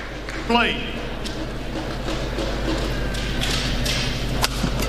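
A badminton racket smashes a shuttlecock to the middle with a sharp crack early on, in the first point of the first singles match between Shi Yuqi and Anders Antonsen at the 2026 Thomas Cup semi-final, China vs Denmark, in Horsens, Denmark. A few fainter hits and squeaks follow against the steady murmur of a large crowd.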